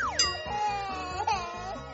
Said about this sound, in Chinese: 在妹妹的哭声下，香肠又失败了。